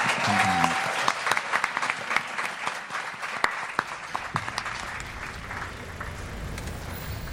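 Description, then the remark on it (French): An audience applauds steadily, a dense wash of many hands clapping with a few sharper claps standing out, fairly loud throughout and with no one speaking over it. “on peut les applaudir pour les encourager”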